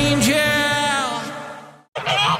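Loud, nasal honking from several geese, with overlapping calls in a raucous cluster, a sudden brief gap, then another burst of honks.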